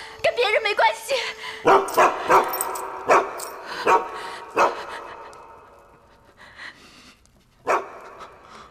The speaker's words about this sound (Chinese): 放狗！